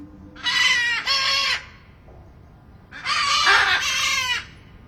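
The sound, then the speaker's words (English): Macaws of several species (green-winged, blue-throated, great green and hyacinth macaws) screech loudly in a huge aviary: two harsh, raspy squawks, each a doubled burst, separated by a short quiet pause. No one speaks. “So we're at our macaw block right now. So basically a bunch of different macaw species.”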